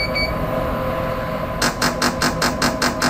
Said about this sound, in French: Et chaque séquence, qu'on appelle un train, chaque train, dure 2 secondes de stimulation et est séparée d'un autre par 8 secondes de repos. Okay. Et quand vous entendez le bip, bip, bip, ça vous annonce que qu'on va commencer la nouvelle stimulation.